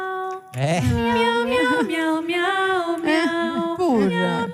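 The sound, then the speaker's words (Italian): Two cats, just woken up, meowing in a loud, drawn-out series of wavering, whiny cries that run almost continuously, one call sliding into the next with rising and falling pitch. “Si sono svegliate le due gatte.”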